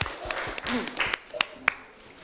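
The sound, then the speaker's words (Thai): A short burst of audience applause after a group presents a tour itinerary, with scattered claps close together and a few sharper individual claps standing out, plus a faint voice mixed in underneath. “เยี่ยมมากเลยนะคะเอาปรบมือดังๆหน่อยค่ะ”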